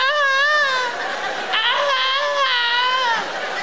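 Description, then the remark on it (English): A cat in heat yowls in long, wavering, high-pitched moans that rise and fall continuously, loud and whiny like a crying baby, with no talking over it. “Is there a more sinister sound out there than a cat sort of whining?”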